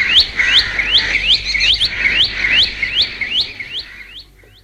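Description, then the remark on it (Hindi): A bulbul sings a steady series of bright, repeated rising chirps, about a dozen in quick rhythm, clear, fading slightly at the end with no voices. “बुलबुल”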